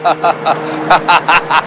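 A tow truck's heavy engine rumbles, a steady low drone beneath a rapid, rhythmic series of rough pulsing bursts as it moves forward and angles around a station wagon, with no one speaking.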